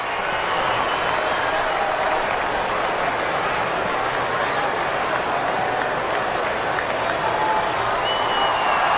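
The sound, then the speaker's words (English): A big crowd at a Braves baseball game fills the space with steady, dense applause and murmuring, getting behind Samad Taylor at bat in the bottom of the sixth inning. A continuous wash of clapping and voices holds evenly throughout at a moderate level. “Big crowd.”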